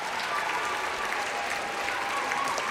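A dense burst of applause from a group, steady and continuous throughout, with many hands clapping at once and a bright, crackling texture, moderately loud.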